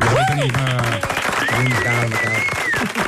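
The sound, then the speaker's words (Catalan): An audience applauds loudly and steadily for about three seconds for a panelist being introduced on a show, the clapping blended with cheering voices and a high, wavering whistle. “Aplaudiu-lo, va, aplaudiu-lo, pobre tio.”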